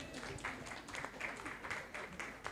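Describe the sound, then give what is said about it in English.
An audience claps steadily for a couple of seconds for a woman coming up to give an answer, a dense, even patter of many hands at moderate loudness with no clear rhythm. “Oh, please keep clapping for her.”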